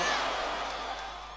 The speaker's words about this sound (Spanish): ¡Gracias! ¡Aplausos, México!